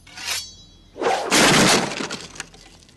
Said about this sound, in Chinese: 这张飞一听，气的是青筋暴起，抡起大刀，咔嚓一下就把边上的桌子砍成了两半。